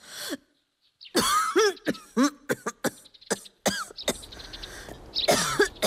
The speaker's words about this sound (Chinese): 一户农家小院，一位老婆婆躺在床上咳嗽不止。